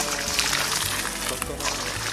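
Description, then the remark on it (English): Water pours steadily, a continuous splashing gurgle that holds at an even, moderate loudness for about two seconds. “Washed the dishes, collected firewood to cook the food, and brought water for the Guru's bath.”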